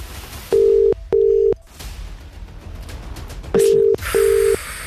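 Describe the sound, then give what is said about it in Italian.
Telephone tones while dialing a number: four steady, identical beeps in two pairs separated by a pause, loud over faint background hiss, with no one speaking. “Oh, usa va a telefonare. Falli il numero del telefono.”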